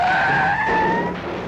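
A loud tire screech as a company car, driven by a woman, skids hard while racing toward another woman, the sharp whine of the tires holding steady for about a second before fading into engine and road noise.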